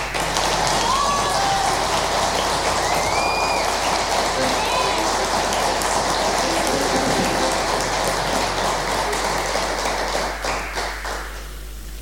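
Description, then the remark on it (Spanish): An audience claps loudly and steadily for about eleven seconds for Daniel Pessoa of a band, with a few whistles and cheers rising above the dense applause before it tapers off at the end. “tenemos, bueno, él forma parte del grupo … también, así que quiero agradecer desde ya y que ustedes le den un aplauso a Daniel Pessoa.”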